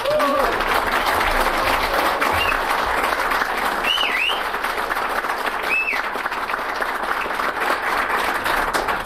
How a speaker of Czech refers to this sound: jsem velmi potěšen, že mám tak silný aplaus.